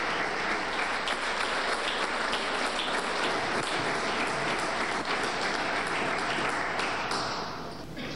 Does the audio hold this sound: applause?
yes